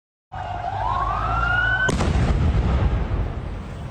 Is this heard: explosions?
yes